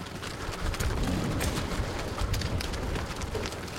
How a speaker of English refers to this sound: In the meantime, cattle jostle as they hurtle through the border wall, screwworm free.